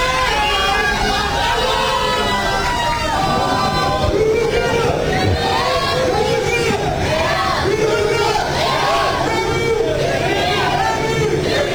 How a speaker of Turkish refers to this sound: Kafileyi otel girişinde Türk taraftarlar bayraklar ve tezahüratlarla destekledi.